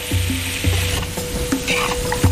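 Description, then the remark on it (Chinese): Chopped pieces of one-year-old free-range chicken sizzle loudly in a hot wok as they are stir-fried, with repeated scraping strokes of a spatula and a steady crackle, with no talking. “选取一年生土鸡，切块后下锅翻炒”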